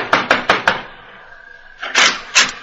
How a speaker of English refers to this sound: Knock on the door, Mr. Val.